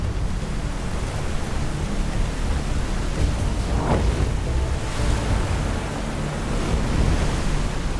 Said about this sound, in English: We got to the confluence, the river doubled up on size. It was just so hard, white water.